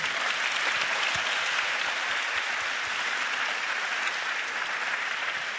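A large audience in a hall applauds itself at the end of an evening event, a dense, even wash of many hands sustained at a constant level throughout, with no voices standing out.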